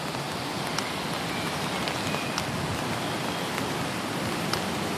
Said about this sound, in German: So gehen wir nun also schweigend den Fußweg hinunter in den Ranft. Der Regen stört uns dabei nicht.